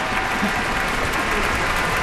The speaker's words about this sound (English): You've just heard the Rhapsody on the Theme of Paganini by Sergei Rachmaninoff, a performance by the Pittsburgh Symphony, music director Manfred Honeck, and the young man for whom the cheers we've just heard are for, Sung Jin Cho, the soloist.